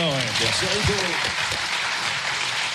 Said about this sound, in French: Je crois qu'on peut l'applaudir pour tout le travail.